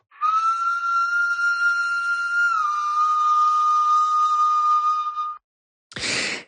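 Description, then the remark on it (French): A very old Slovenian flute, found at Divje Babe and tens of thousands of years old (46,000 to 60,000 years), sounds one long, steady, breathy note that dips slightly in pitch partway through and holds for about five seconds, followed by a short burst of airy breath noise. “C'est une flûte slovène qui a été trouvée à Dioulé, Babé, et on écoute ce très vieil instrument.”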